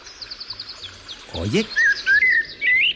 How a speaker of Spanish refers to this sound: Hola, amigo, Mirlo, ¿nos escuchas? A ver. ¿Estás ahí en la azotea, Mirlo? Parece, ¿no? Parece que sí, ¿no?